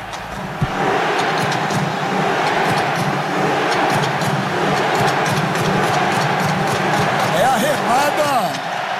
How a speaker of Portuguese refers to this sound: A remada da torcida norueguesa ontem. Bonito espetáculo, hein? Muito legal, gostei, cara.